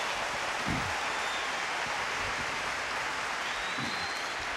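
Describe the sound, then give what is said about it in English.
A crowd claps steadily for Jesus, a dense, continuous wash of many hands with no breaks, holding an even loudness throughout and no voices rising above it. “Well, the one we're clapping for is the heavyweight champion of all times.”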